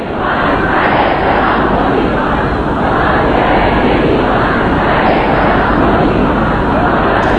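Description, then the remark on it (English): A large outdoor crowd packs the streets at a funeral procession as a coffin is driven through on a truck, many waving red flags, filling the air with a continuous, loud roar of many overlapping voices, a steady dense murmur with no single speaker standing out, lasting the whole time. “His coffin was driven on a truck through packed streets, and many in the crowd waved the red flags that symbolise a search for vengeance in Shia Islam.”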